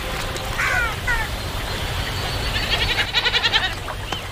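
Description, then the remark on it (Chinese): Wild goats bleat in short wavering calls by a river where they come to drink. First comes a pair of brief cries, then a longer rapid pulsing bleat, over a steady outdoor rushing background. “丰盈的河流不仅滋养了鹈鹕，野山羊等其他动物也会时常来到这里饮水。”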